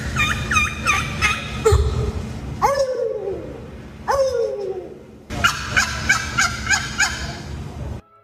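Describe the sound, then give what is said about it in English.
Turkey gobbling calls: loud, rapid rattling bursts open and close the sequence, separated by two drawn-out, falling cries. No one speaks. “The first one, I've never heard a turkey sound like that.”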